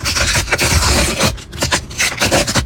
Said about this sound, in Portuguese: Ah, rasgar o pacotinho e abrir as figurinhas da Copa do Mundo. A coleção virou febre entre as crianças.